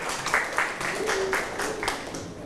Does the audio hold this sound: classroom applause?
yes